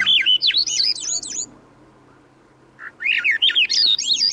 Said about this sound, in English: The song of a Swainson's thrush spirals upward as we begin a hike in the mountains of the West. The trail leads from a riverside forest in the lowlands, and as we walk, bird voices ring out.